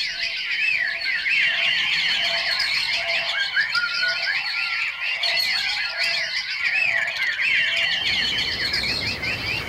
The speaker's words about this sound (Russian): Это пришел месяц май. Начался разгар весны. Вся природа радуется. Лес полон птичьим гомоном.